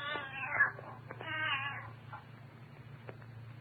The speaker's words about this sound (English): Quiet, Ophelia. Ophelia? Huh. And what kind of a name is that for a cat?